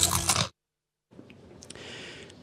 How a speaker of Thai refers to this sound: และนี่คือกอบกอบมันฝรั่งแผ่นหนาชิ้นโตกัดเต็มคำกรอบแน่นเคี้ยวมันกว่า